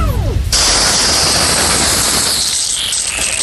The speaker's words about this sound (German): Ich könnte jetzt sagen, ich habe was in der Hand, was spritzt. Das ist mein Gartenschlauch.